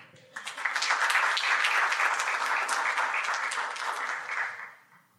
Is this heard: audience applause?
yes